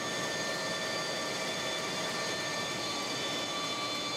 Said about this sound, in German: Also ich finde, so eine Papiermaschine ist schon eine feine Sache. Auch sehr interessant, weil sehr viele komplexe Prozesse in einem großen Komplex geführt sind.